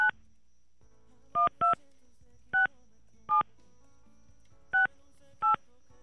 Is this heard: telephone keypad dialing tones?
yes